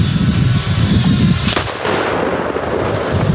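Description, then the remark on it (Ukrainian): A loud explosive blast, as an FPV drone carrying a kilogram of explosives descends into a bunker's firing port, cracks out midway through a steady roar of rumbling, crackling noise, with no voices. “FPV несе на собі кілограм вибухівки. Пілот поступово знижується і заходить прямісінько у бійницю бліндажу.”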